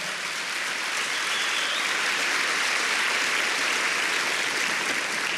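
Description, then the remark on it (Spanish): A church audience claps steadily for the Lord, a dense, continuous wash of many hands with no distinct individual beats, holding at an even, fairly loud level throughout. “Dele palmas al Señor.”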